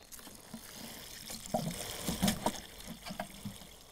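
Water pours onto a freshly fertilized blueberry plant in a garden, a steady splashy rush with irregular gurgling bursts that grow louder midway, then settle into softer trickling; no voices.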